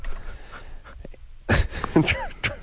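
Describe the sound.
A long human yawn into the microphone, stretching through four breathy, groaning stages with whiny voiced rises, after a brief quiet lead-in.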